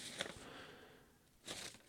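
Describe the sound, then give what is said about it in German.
Soft paper rustling and crinkling arrives in two short bursts separated by a brief quiet stretch, fairly faint, with no voices. “Ich habe zu viele Papiere hier.”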